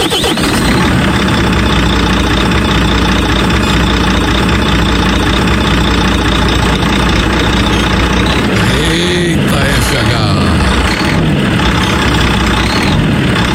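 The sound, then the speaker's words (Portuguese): The big diesel engine of the Espaço FM radio station's FH truck is started and rumbles steadily at idle, loud, with a brief rev that swells and falls near the end before it settles back into its low drone. “Deixa eu ligar o caminhão da Espaço aqui, deixa eu ligar o caminhãozão aqui.”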